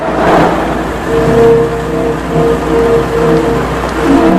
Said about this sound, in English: drives out of the car park through the pillars.